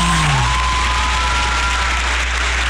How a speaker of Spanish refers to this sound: Un fuerte aplauso, ¿cómo no?